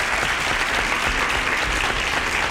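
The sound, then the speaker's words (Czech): Steady, dense applause from many hands sent on a radio programme to a listener, a loud continuous wash of clapping with no pauses or voices for the whole stretch. “Tak já nevím, jestli slyší v tuto chvíli, ale posílám jí potlesk.”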